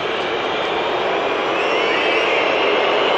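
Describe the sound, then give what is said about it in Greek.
A huge stadium crowd in Los Angeles booing FIFA president Gianni Infantino as the camera shows him: a dense, unbroken roar of disapproval that stays loud and steady for a few seconds, with no voices rising clearly above the mass of sound. “Έντονες αποδοκιμασίες για τον πρόεδρο της FIFA από τον κόσμο.”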